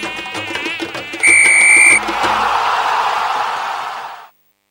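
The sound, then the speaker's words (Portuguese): A high-pitched mosquito buzz with a wavering whine, followed by a brief steady electronic tone and then a long hissing burst that cuts off abruptly. No one speaks. “Derrotamos o mosquito e a vitória é nossa.”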